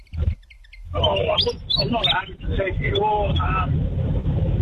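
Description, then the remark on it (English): A Willie wagtail calls in a run of quick, bright chirps and twittering phrases over a steady low rumble in the background. “It is a Willy Wagtail.”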